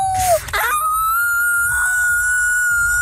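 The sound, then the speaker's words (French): Franco-Ontarian students imitate a wolf howl for the Festival du Loup, one falling cry sliding into a long, high, sustained wail that holds steady for a couple of seconds, loud. “Des élèves franco-ontariens qui font leur meilleur hurlement de loup.”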